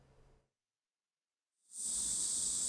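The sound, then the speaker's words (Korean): After a brief quiet pause, a loud aerosol spray of insecticide hisses on steadily as firefighters in hornet protective suits spray bushes to remove a hornet nest in South Korea's Yeongnam region, a bright continuous spray sound that keeps going to the end with no voices. “말벌 보호복을 입은 소방관들이 수풀에 살충제를 뿌립니다.”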